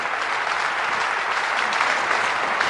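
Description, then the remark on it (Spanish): An audience breaks into steady applause for the Lord, dense clapping from many hands that stays loud and even throughout, with no voices standing out above it. “Un aplauso para el Señor que nos ha dado este gran regalo de la bondad.”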